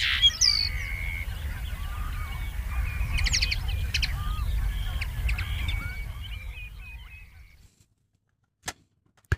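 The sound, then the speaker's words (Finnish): A common linnet sings a lively, twittering song of quick chirps and trills over a low outdoor rumble, fading out toward the end before two sharp clicks. “Viikon luontoäänen hempon esitteli”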